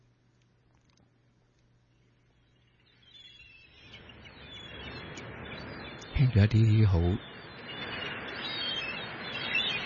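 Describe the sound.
A man speaks briefly, then the steady wash of ocean surf swells in, with a couple of loud, harsh seagull cries breaking through over the waves.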